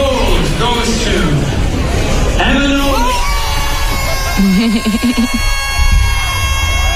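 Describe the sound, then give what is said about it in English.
A loud crowd cheers and screams in a sustained roar at an awards ceremony as a winner is announced, with high-pitched shrieks and excited yells overlapping throughout. “Screaming into oblivion.”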